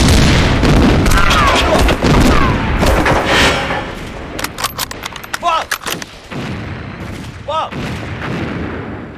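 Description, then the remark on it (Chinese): Cannon fire booms out in loud, heavy blasts as a gun crew is ordered to load and fire, followed by a rapid cluster of sharp cracking reports and a final burst, with shouting voices mixed in at the start. “装弹！装弹！准备！放！炮筒，准备。”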